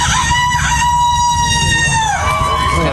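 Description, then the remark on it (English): A man imitates a rooster's crow at a rooster crowing contest, one long wavering call with a rising start and a drawn-out falling tail, loud over a low rumbling background. “I grew up in a small town, and this is exactly the type of thing that would go on a rooster crowing contest. That's a guy that did that.”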